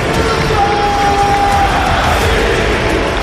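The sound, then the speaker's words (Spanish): The football crowd at Mestalla stadium roars continuously in support of Diakhaby after his goal, a dense, loud wall of massed voices that holds steady for the whole stretch, with a thin sustained tone briefly rising above the din. “Te pone la piel de gallina realmente oír al estadio como ruge apoyando a un jugador como Diakabi, pero lo has comentado tú, es un jugador muy querido, de verdad.”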